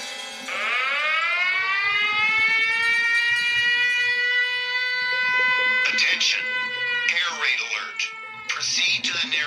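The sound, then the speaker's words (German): A loud, sustained siren-like air raid alert tone from an app on a phone, with rich steady harmonics, rises and holds for several seconds, then breaks into choppy bursts near the end, with no talk over it. Triggered at 5:39 a.m., warning of a missile heading toward the city. “Es ist der Alarm gerade hier ausgelöst worden von dieser App auf meinem Handy.”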